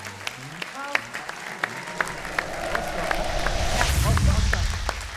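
An audience applauds a guest from Rostock as he is introduced on a show, beginning with scattered individual claps that quickly swell into dense, steady clapping, growing louder and fuller toward the end.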